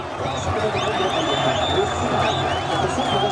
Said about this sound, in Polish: Widok prawie normalny. Wielki ekran, słychać komentatora, ekscytacja, okrzyki, gwizdki, flagi, kibice, w tym dzieci, głowa przy głowie. Wszyscy stłoczeni jeden na drugim.